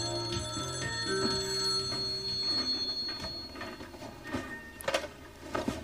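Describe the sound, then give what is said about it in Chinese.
A telephone rings in a family home in repeated bursts against a busy background of steady tones and clatter, loud, with no one speaking; the call is from a school headmistress in New Jersey. “你们接电话呀！”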